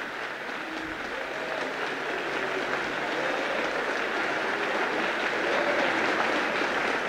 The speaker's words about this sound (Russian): оглушительным шумом сыпались хлопки.